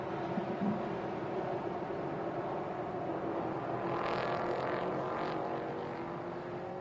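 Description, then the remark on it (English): A dense roar of several racing engines builds and swells together as race cars accelerate on a race restart, the revving pitch climbing midway through, steady with no voices. “tyres still coming up into the optimal window as this race restarts, but Lofsgaard with a decent run from the green”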